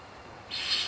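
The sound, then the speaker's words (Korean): A harsh, breathy call of a Eurasian eagle-owl, a rasping hiss that starts abruptly halfway through and holds steady and fairly loud after a stretch of faint background noise. “수리부엉이는 잡아온 사냥감을 잘게 찢어 새끼들에게 먹입니다.”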